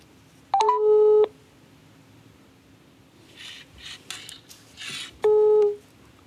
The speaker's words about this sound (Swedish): Men först ska vi höra hur det låter när man ringer upp ett lokalt företag